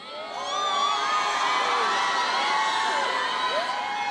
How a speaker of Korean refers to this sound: 네, 지금부터 여러분의 열기로 이 공연장을 가득 채우기 위해 함성 테스트 한번 해봐도 될까요?